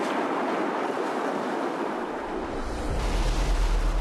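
nature, sea waves crashing

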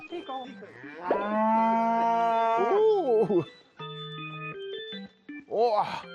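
animal, dairy cow mooing

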